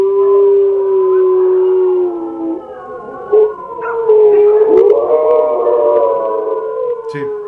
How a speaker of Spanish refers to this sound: Entre los aullidos de los animales, sí se alcanza a escuchar un lamento largo.